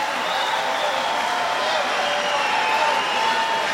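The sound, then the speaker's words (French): A concert crowd cheers and shouts for an encore at the end of the show, a steady, dense roar of many blended voices that holds at an even loudness without pause. “Enfin, si le public est au rendez-vous, si le public crie assez fort.”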